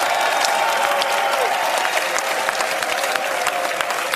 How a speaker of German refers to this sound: Dann gibt es den größten Applaus jetzt in die Schweiz. Ja.